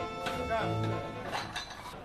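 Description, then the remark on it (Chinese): At a doufunao (tofu pudding) breakfast shop, a ladle raised high slaps thick jiaolu broth down into a bowl of soft tofu marked with a cross, with a few wet splats and light clinks of utensils against the bowl. Faint voices murmur underneath. “然后高举汤勺把卤子狠狠砸入其中，这样嫩豆腐的底部都可充盈香卤，入味至极。”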